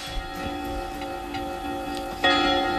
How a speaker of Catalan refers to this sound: A les campanades. Les campanades.